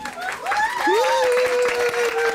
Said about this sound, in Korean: 그 아이가 낮고 담담한 목소리로 노래를 부르기 시작하면 사람들은 모두 숨죽여 듣다가 노래가 끝나면 여기저기서 휘파람과 박수가 터져 나왔다.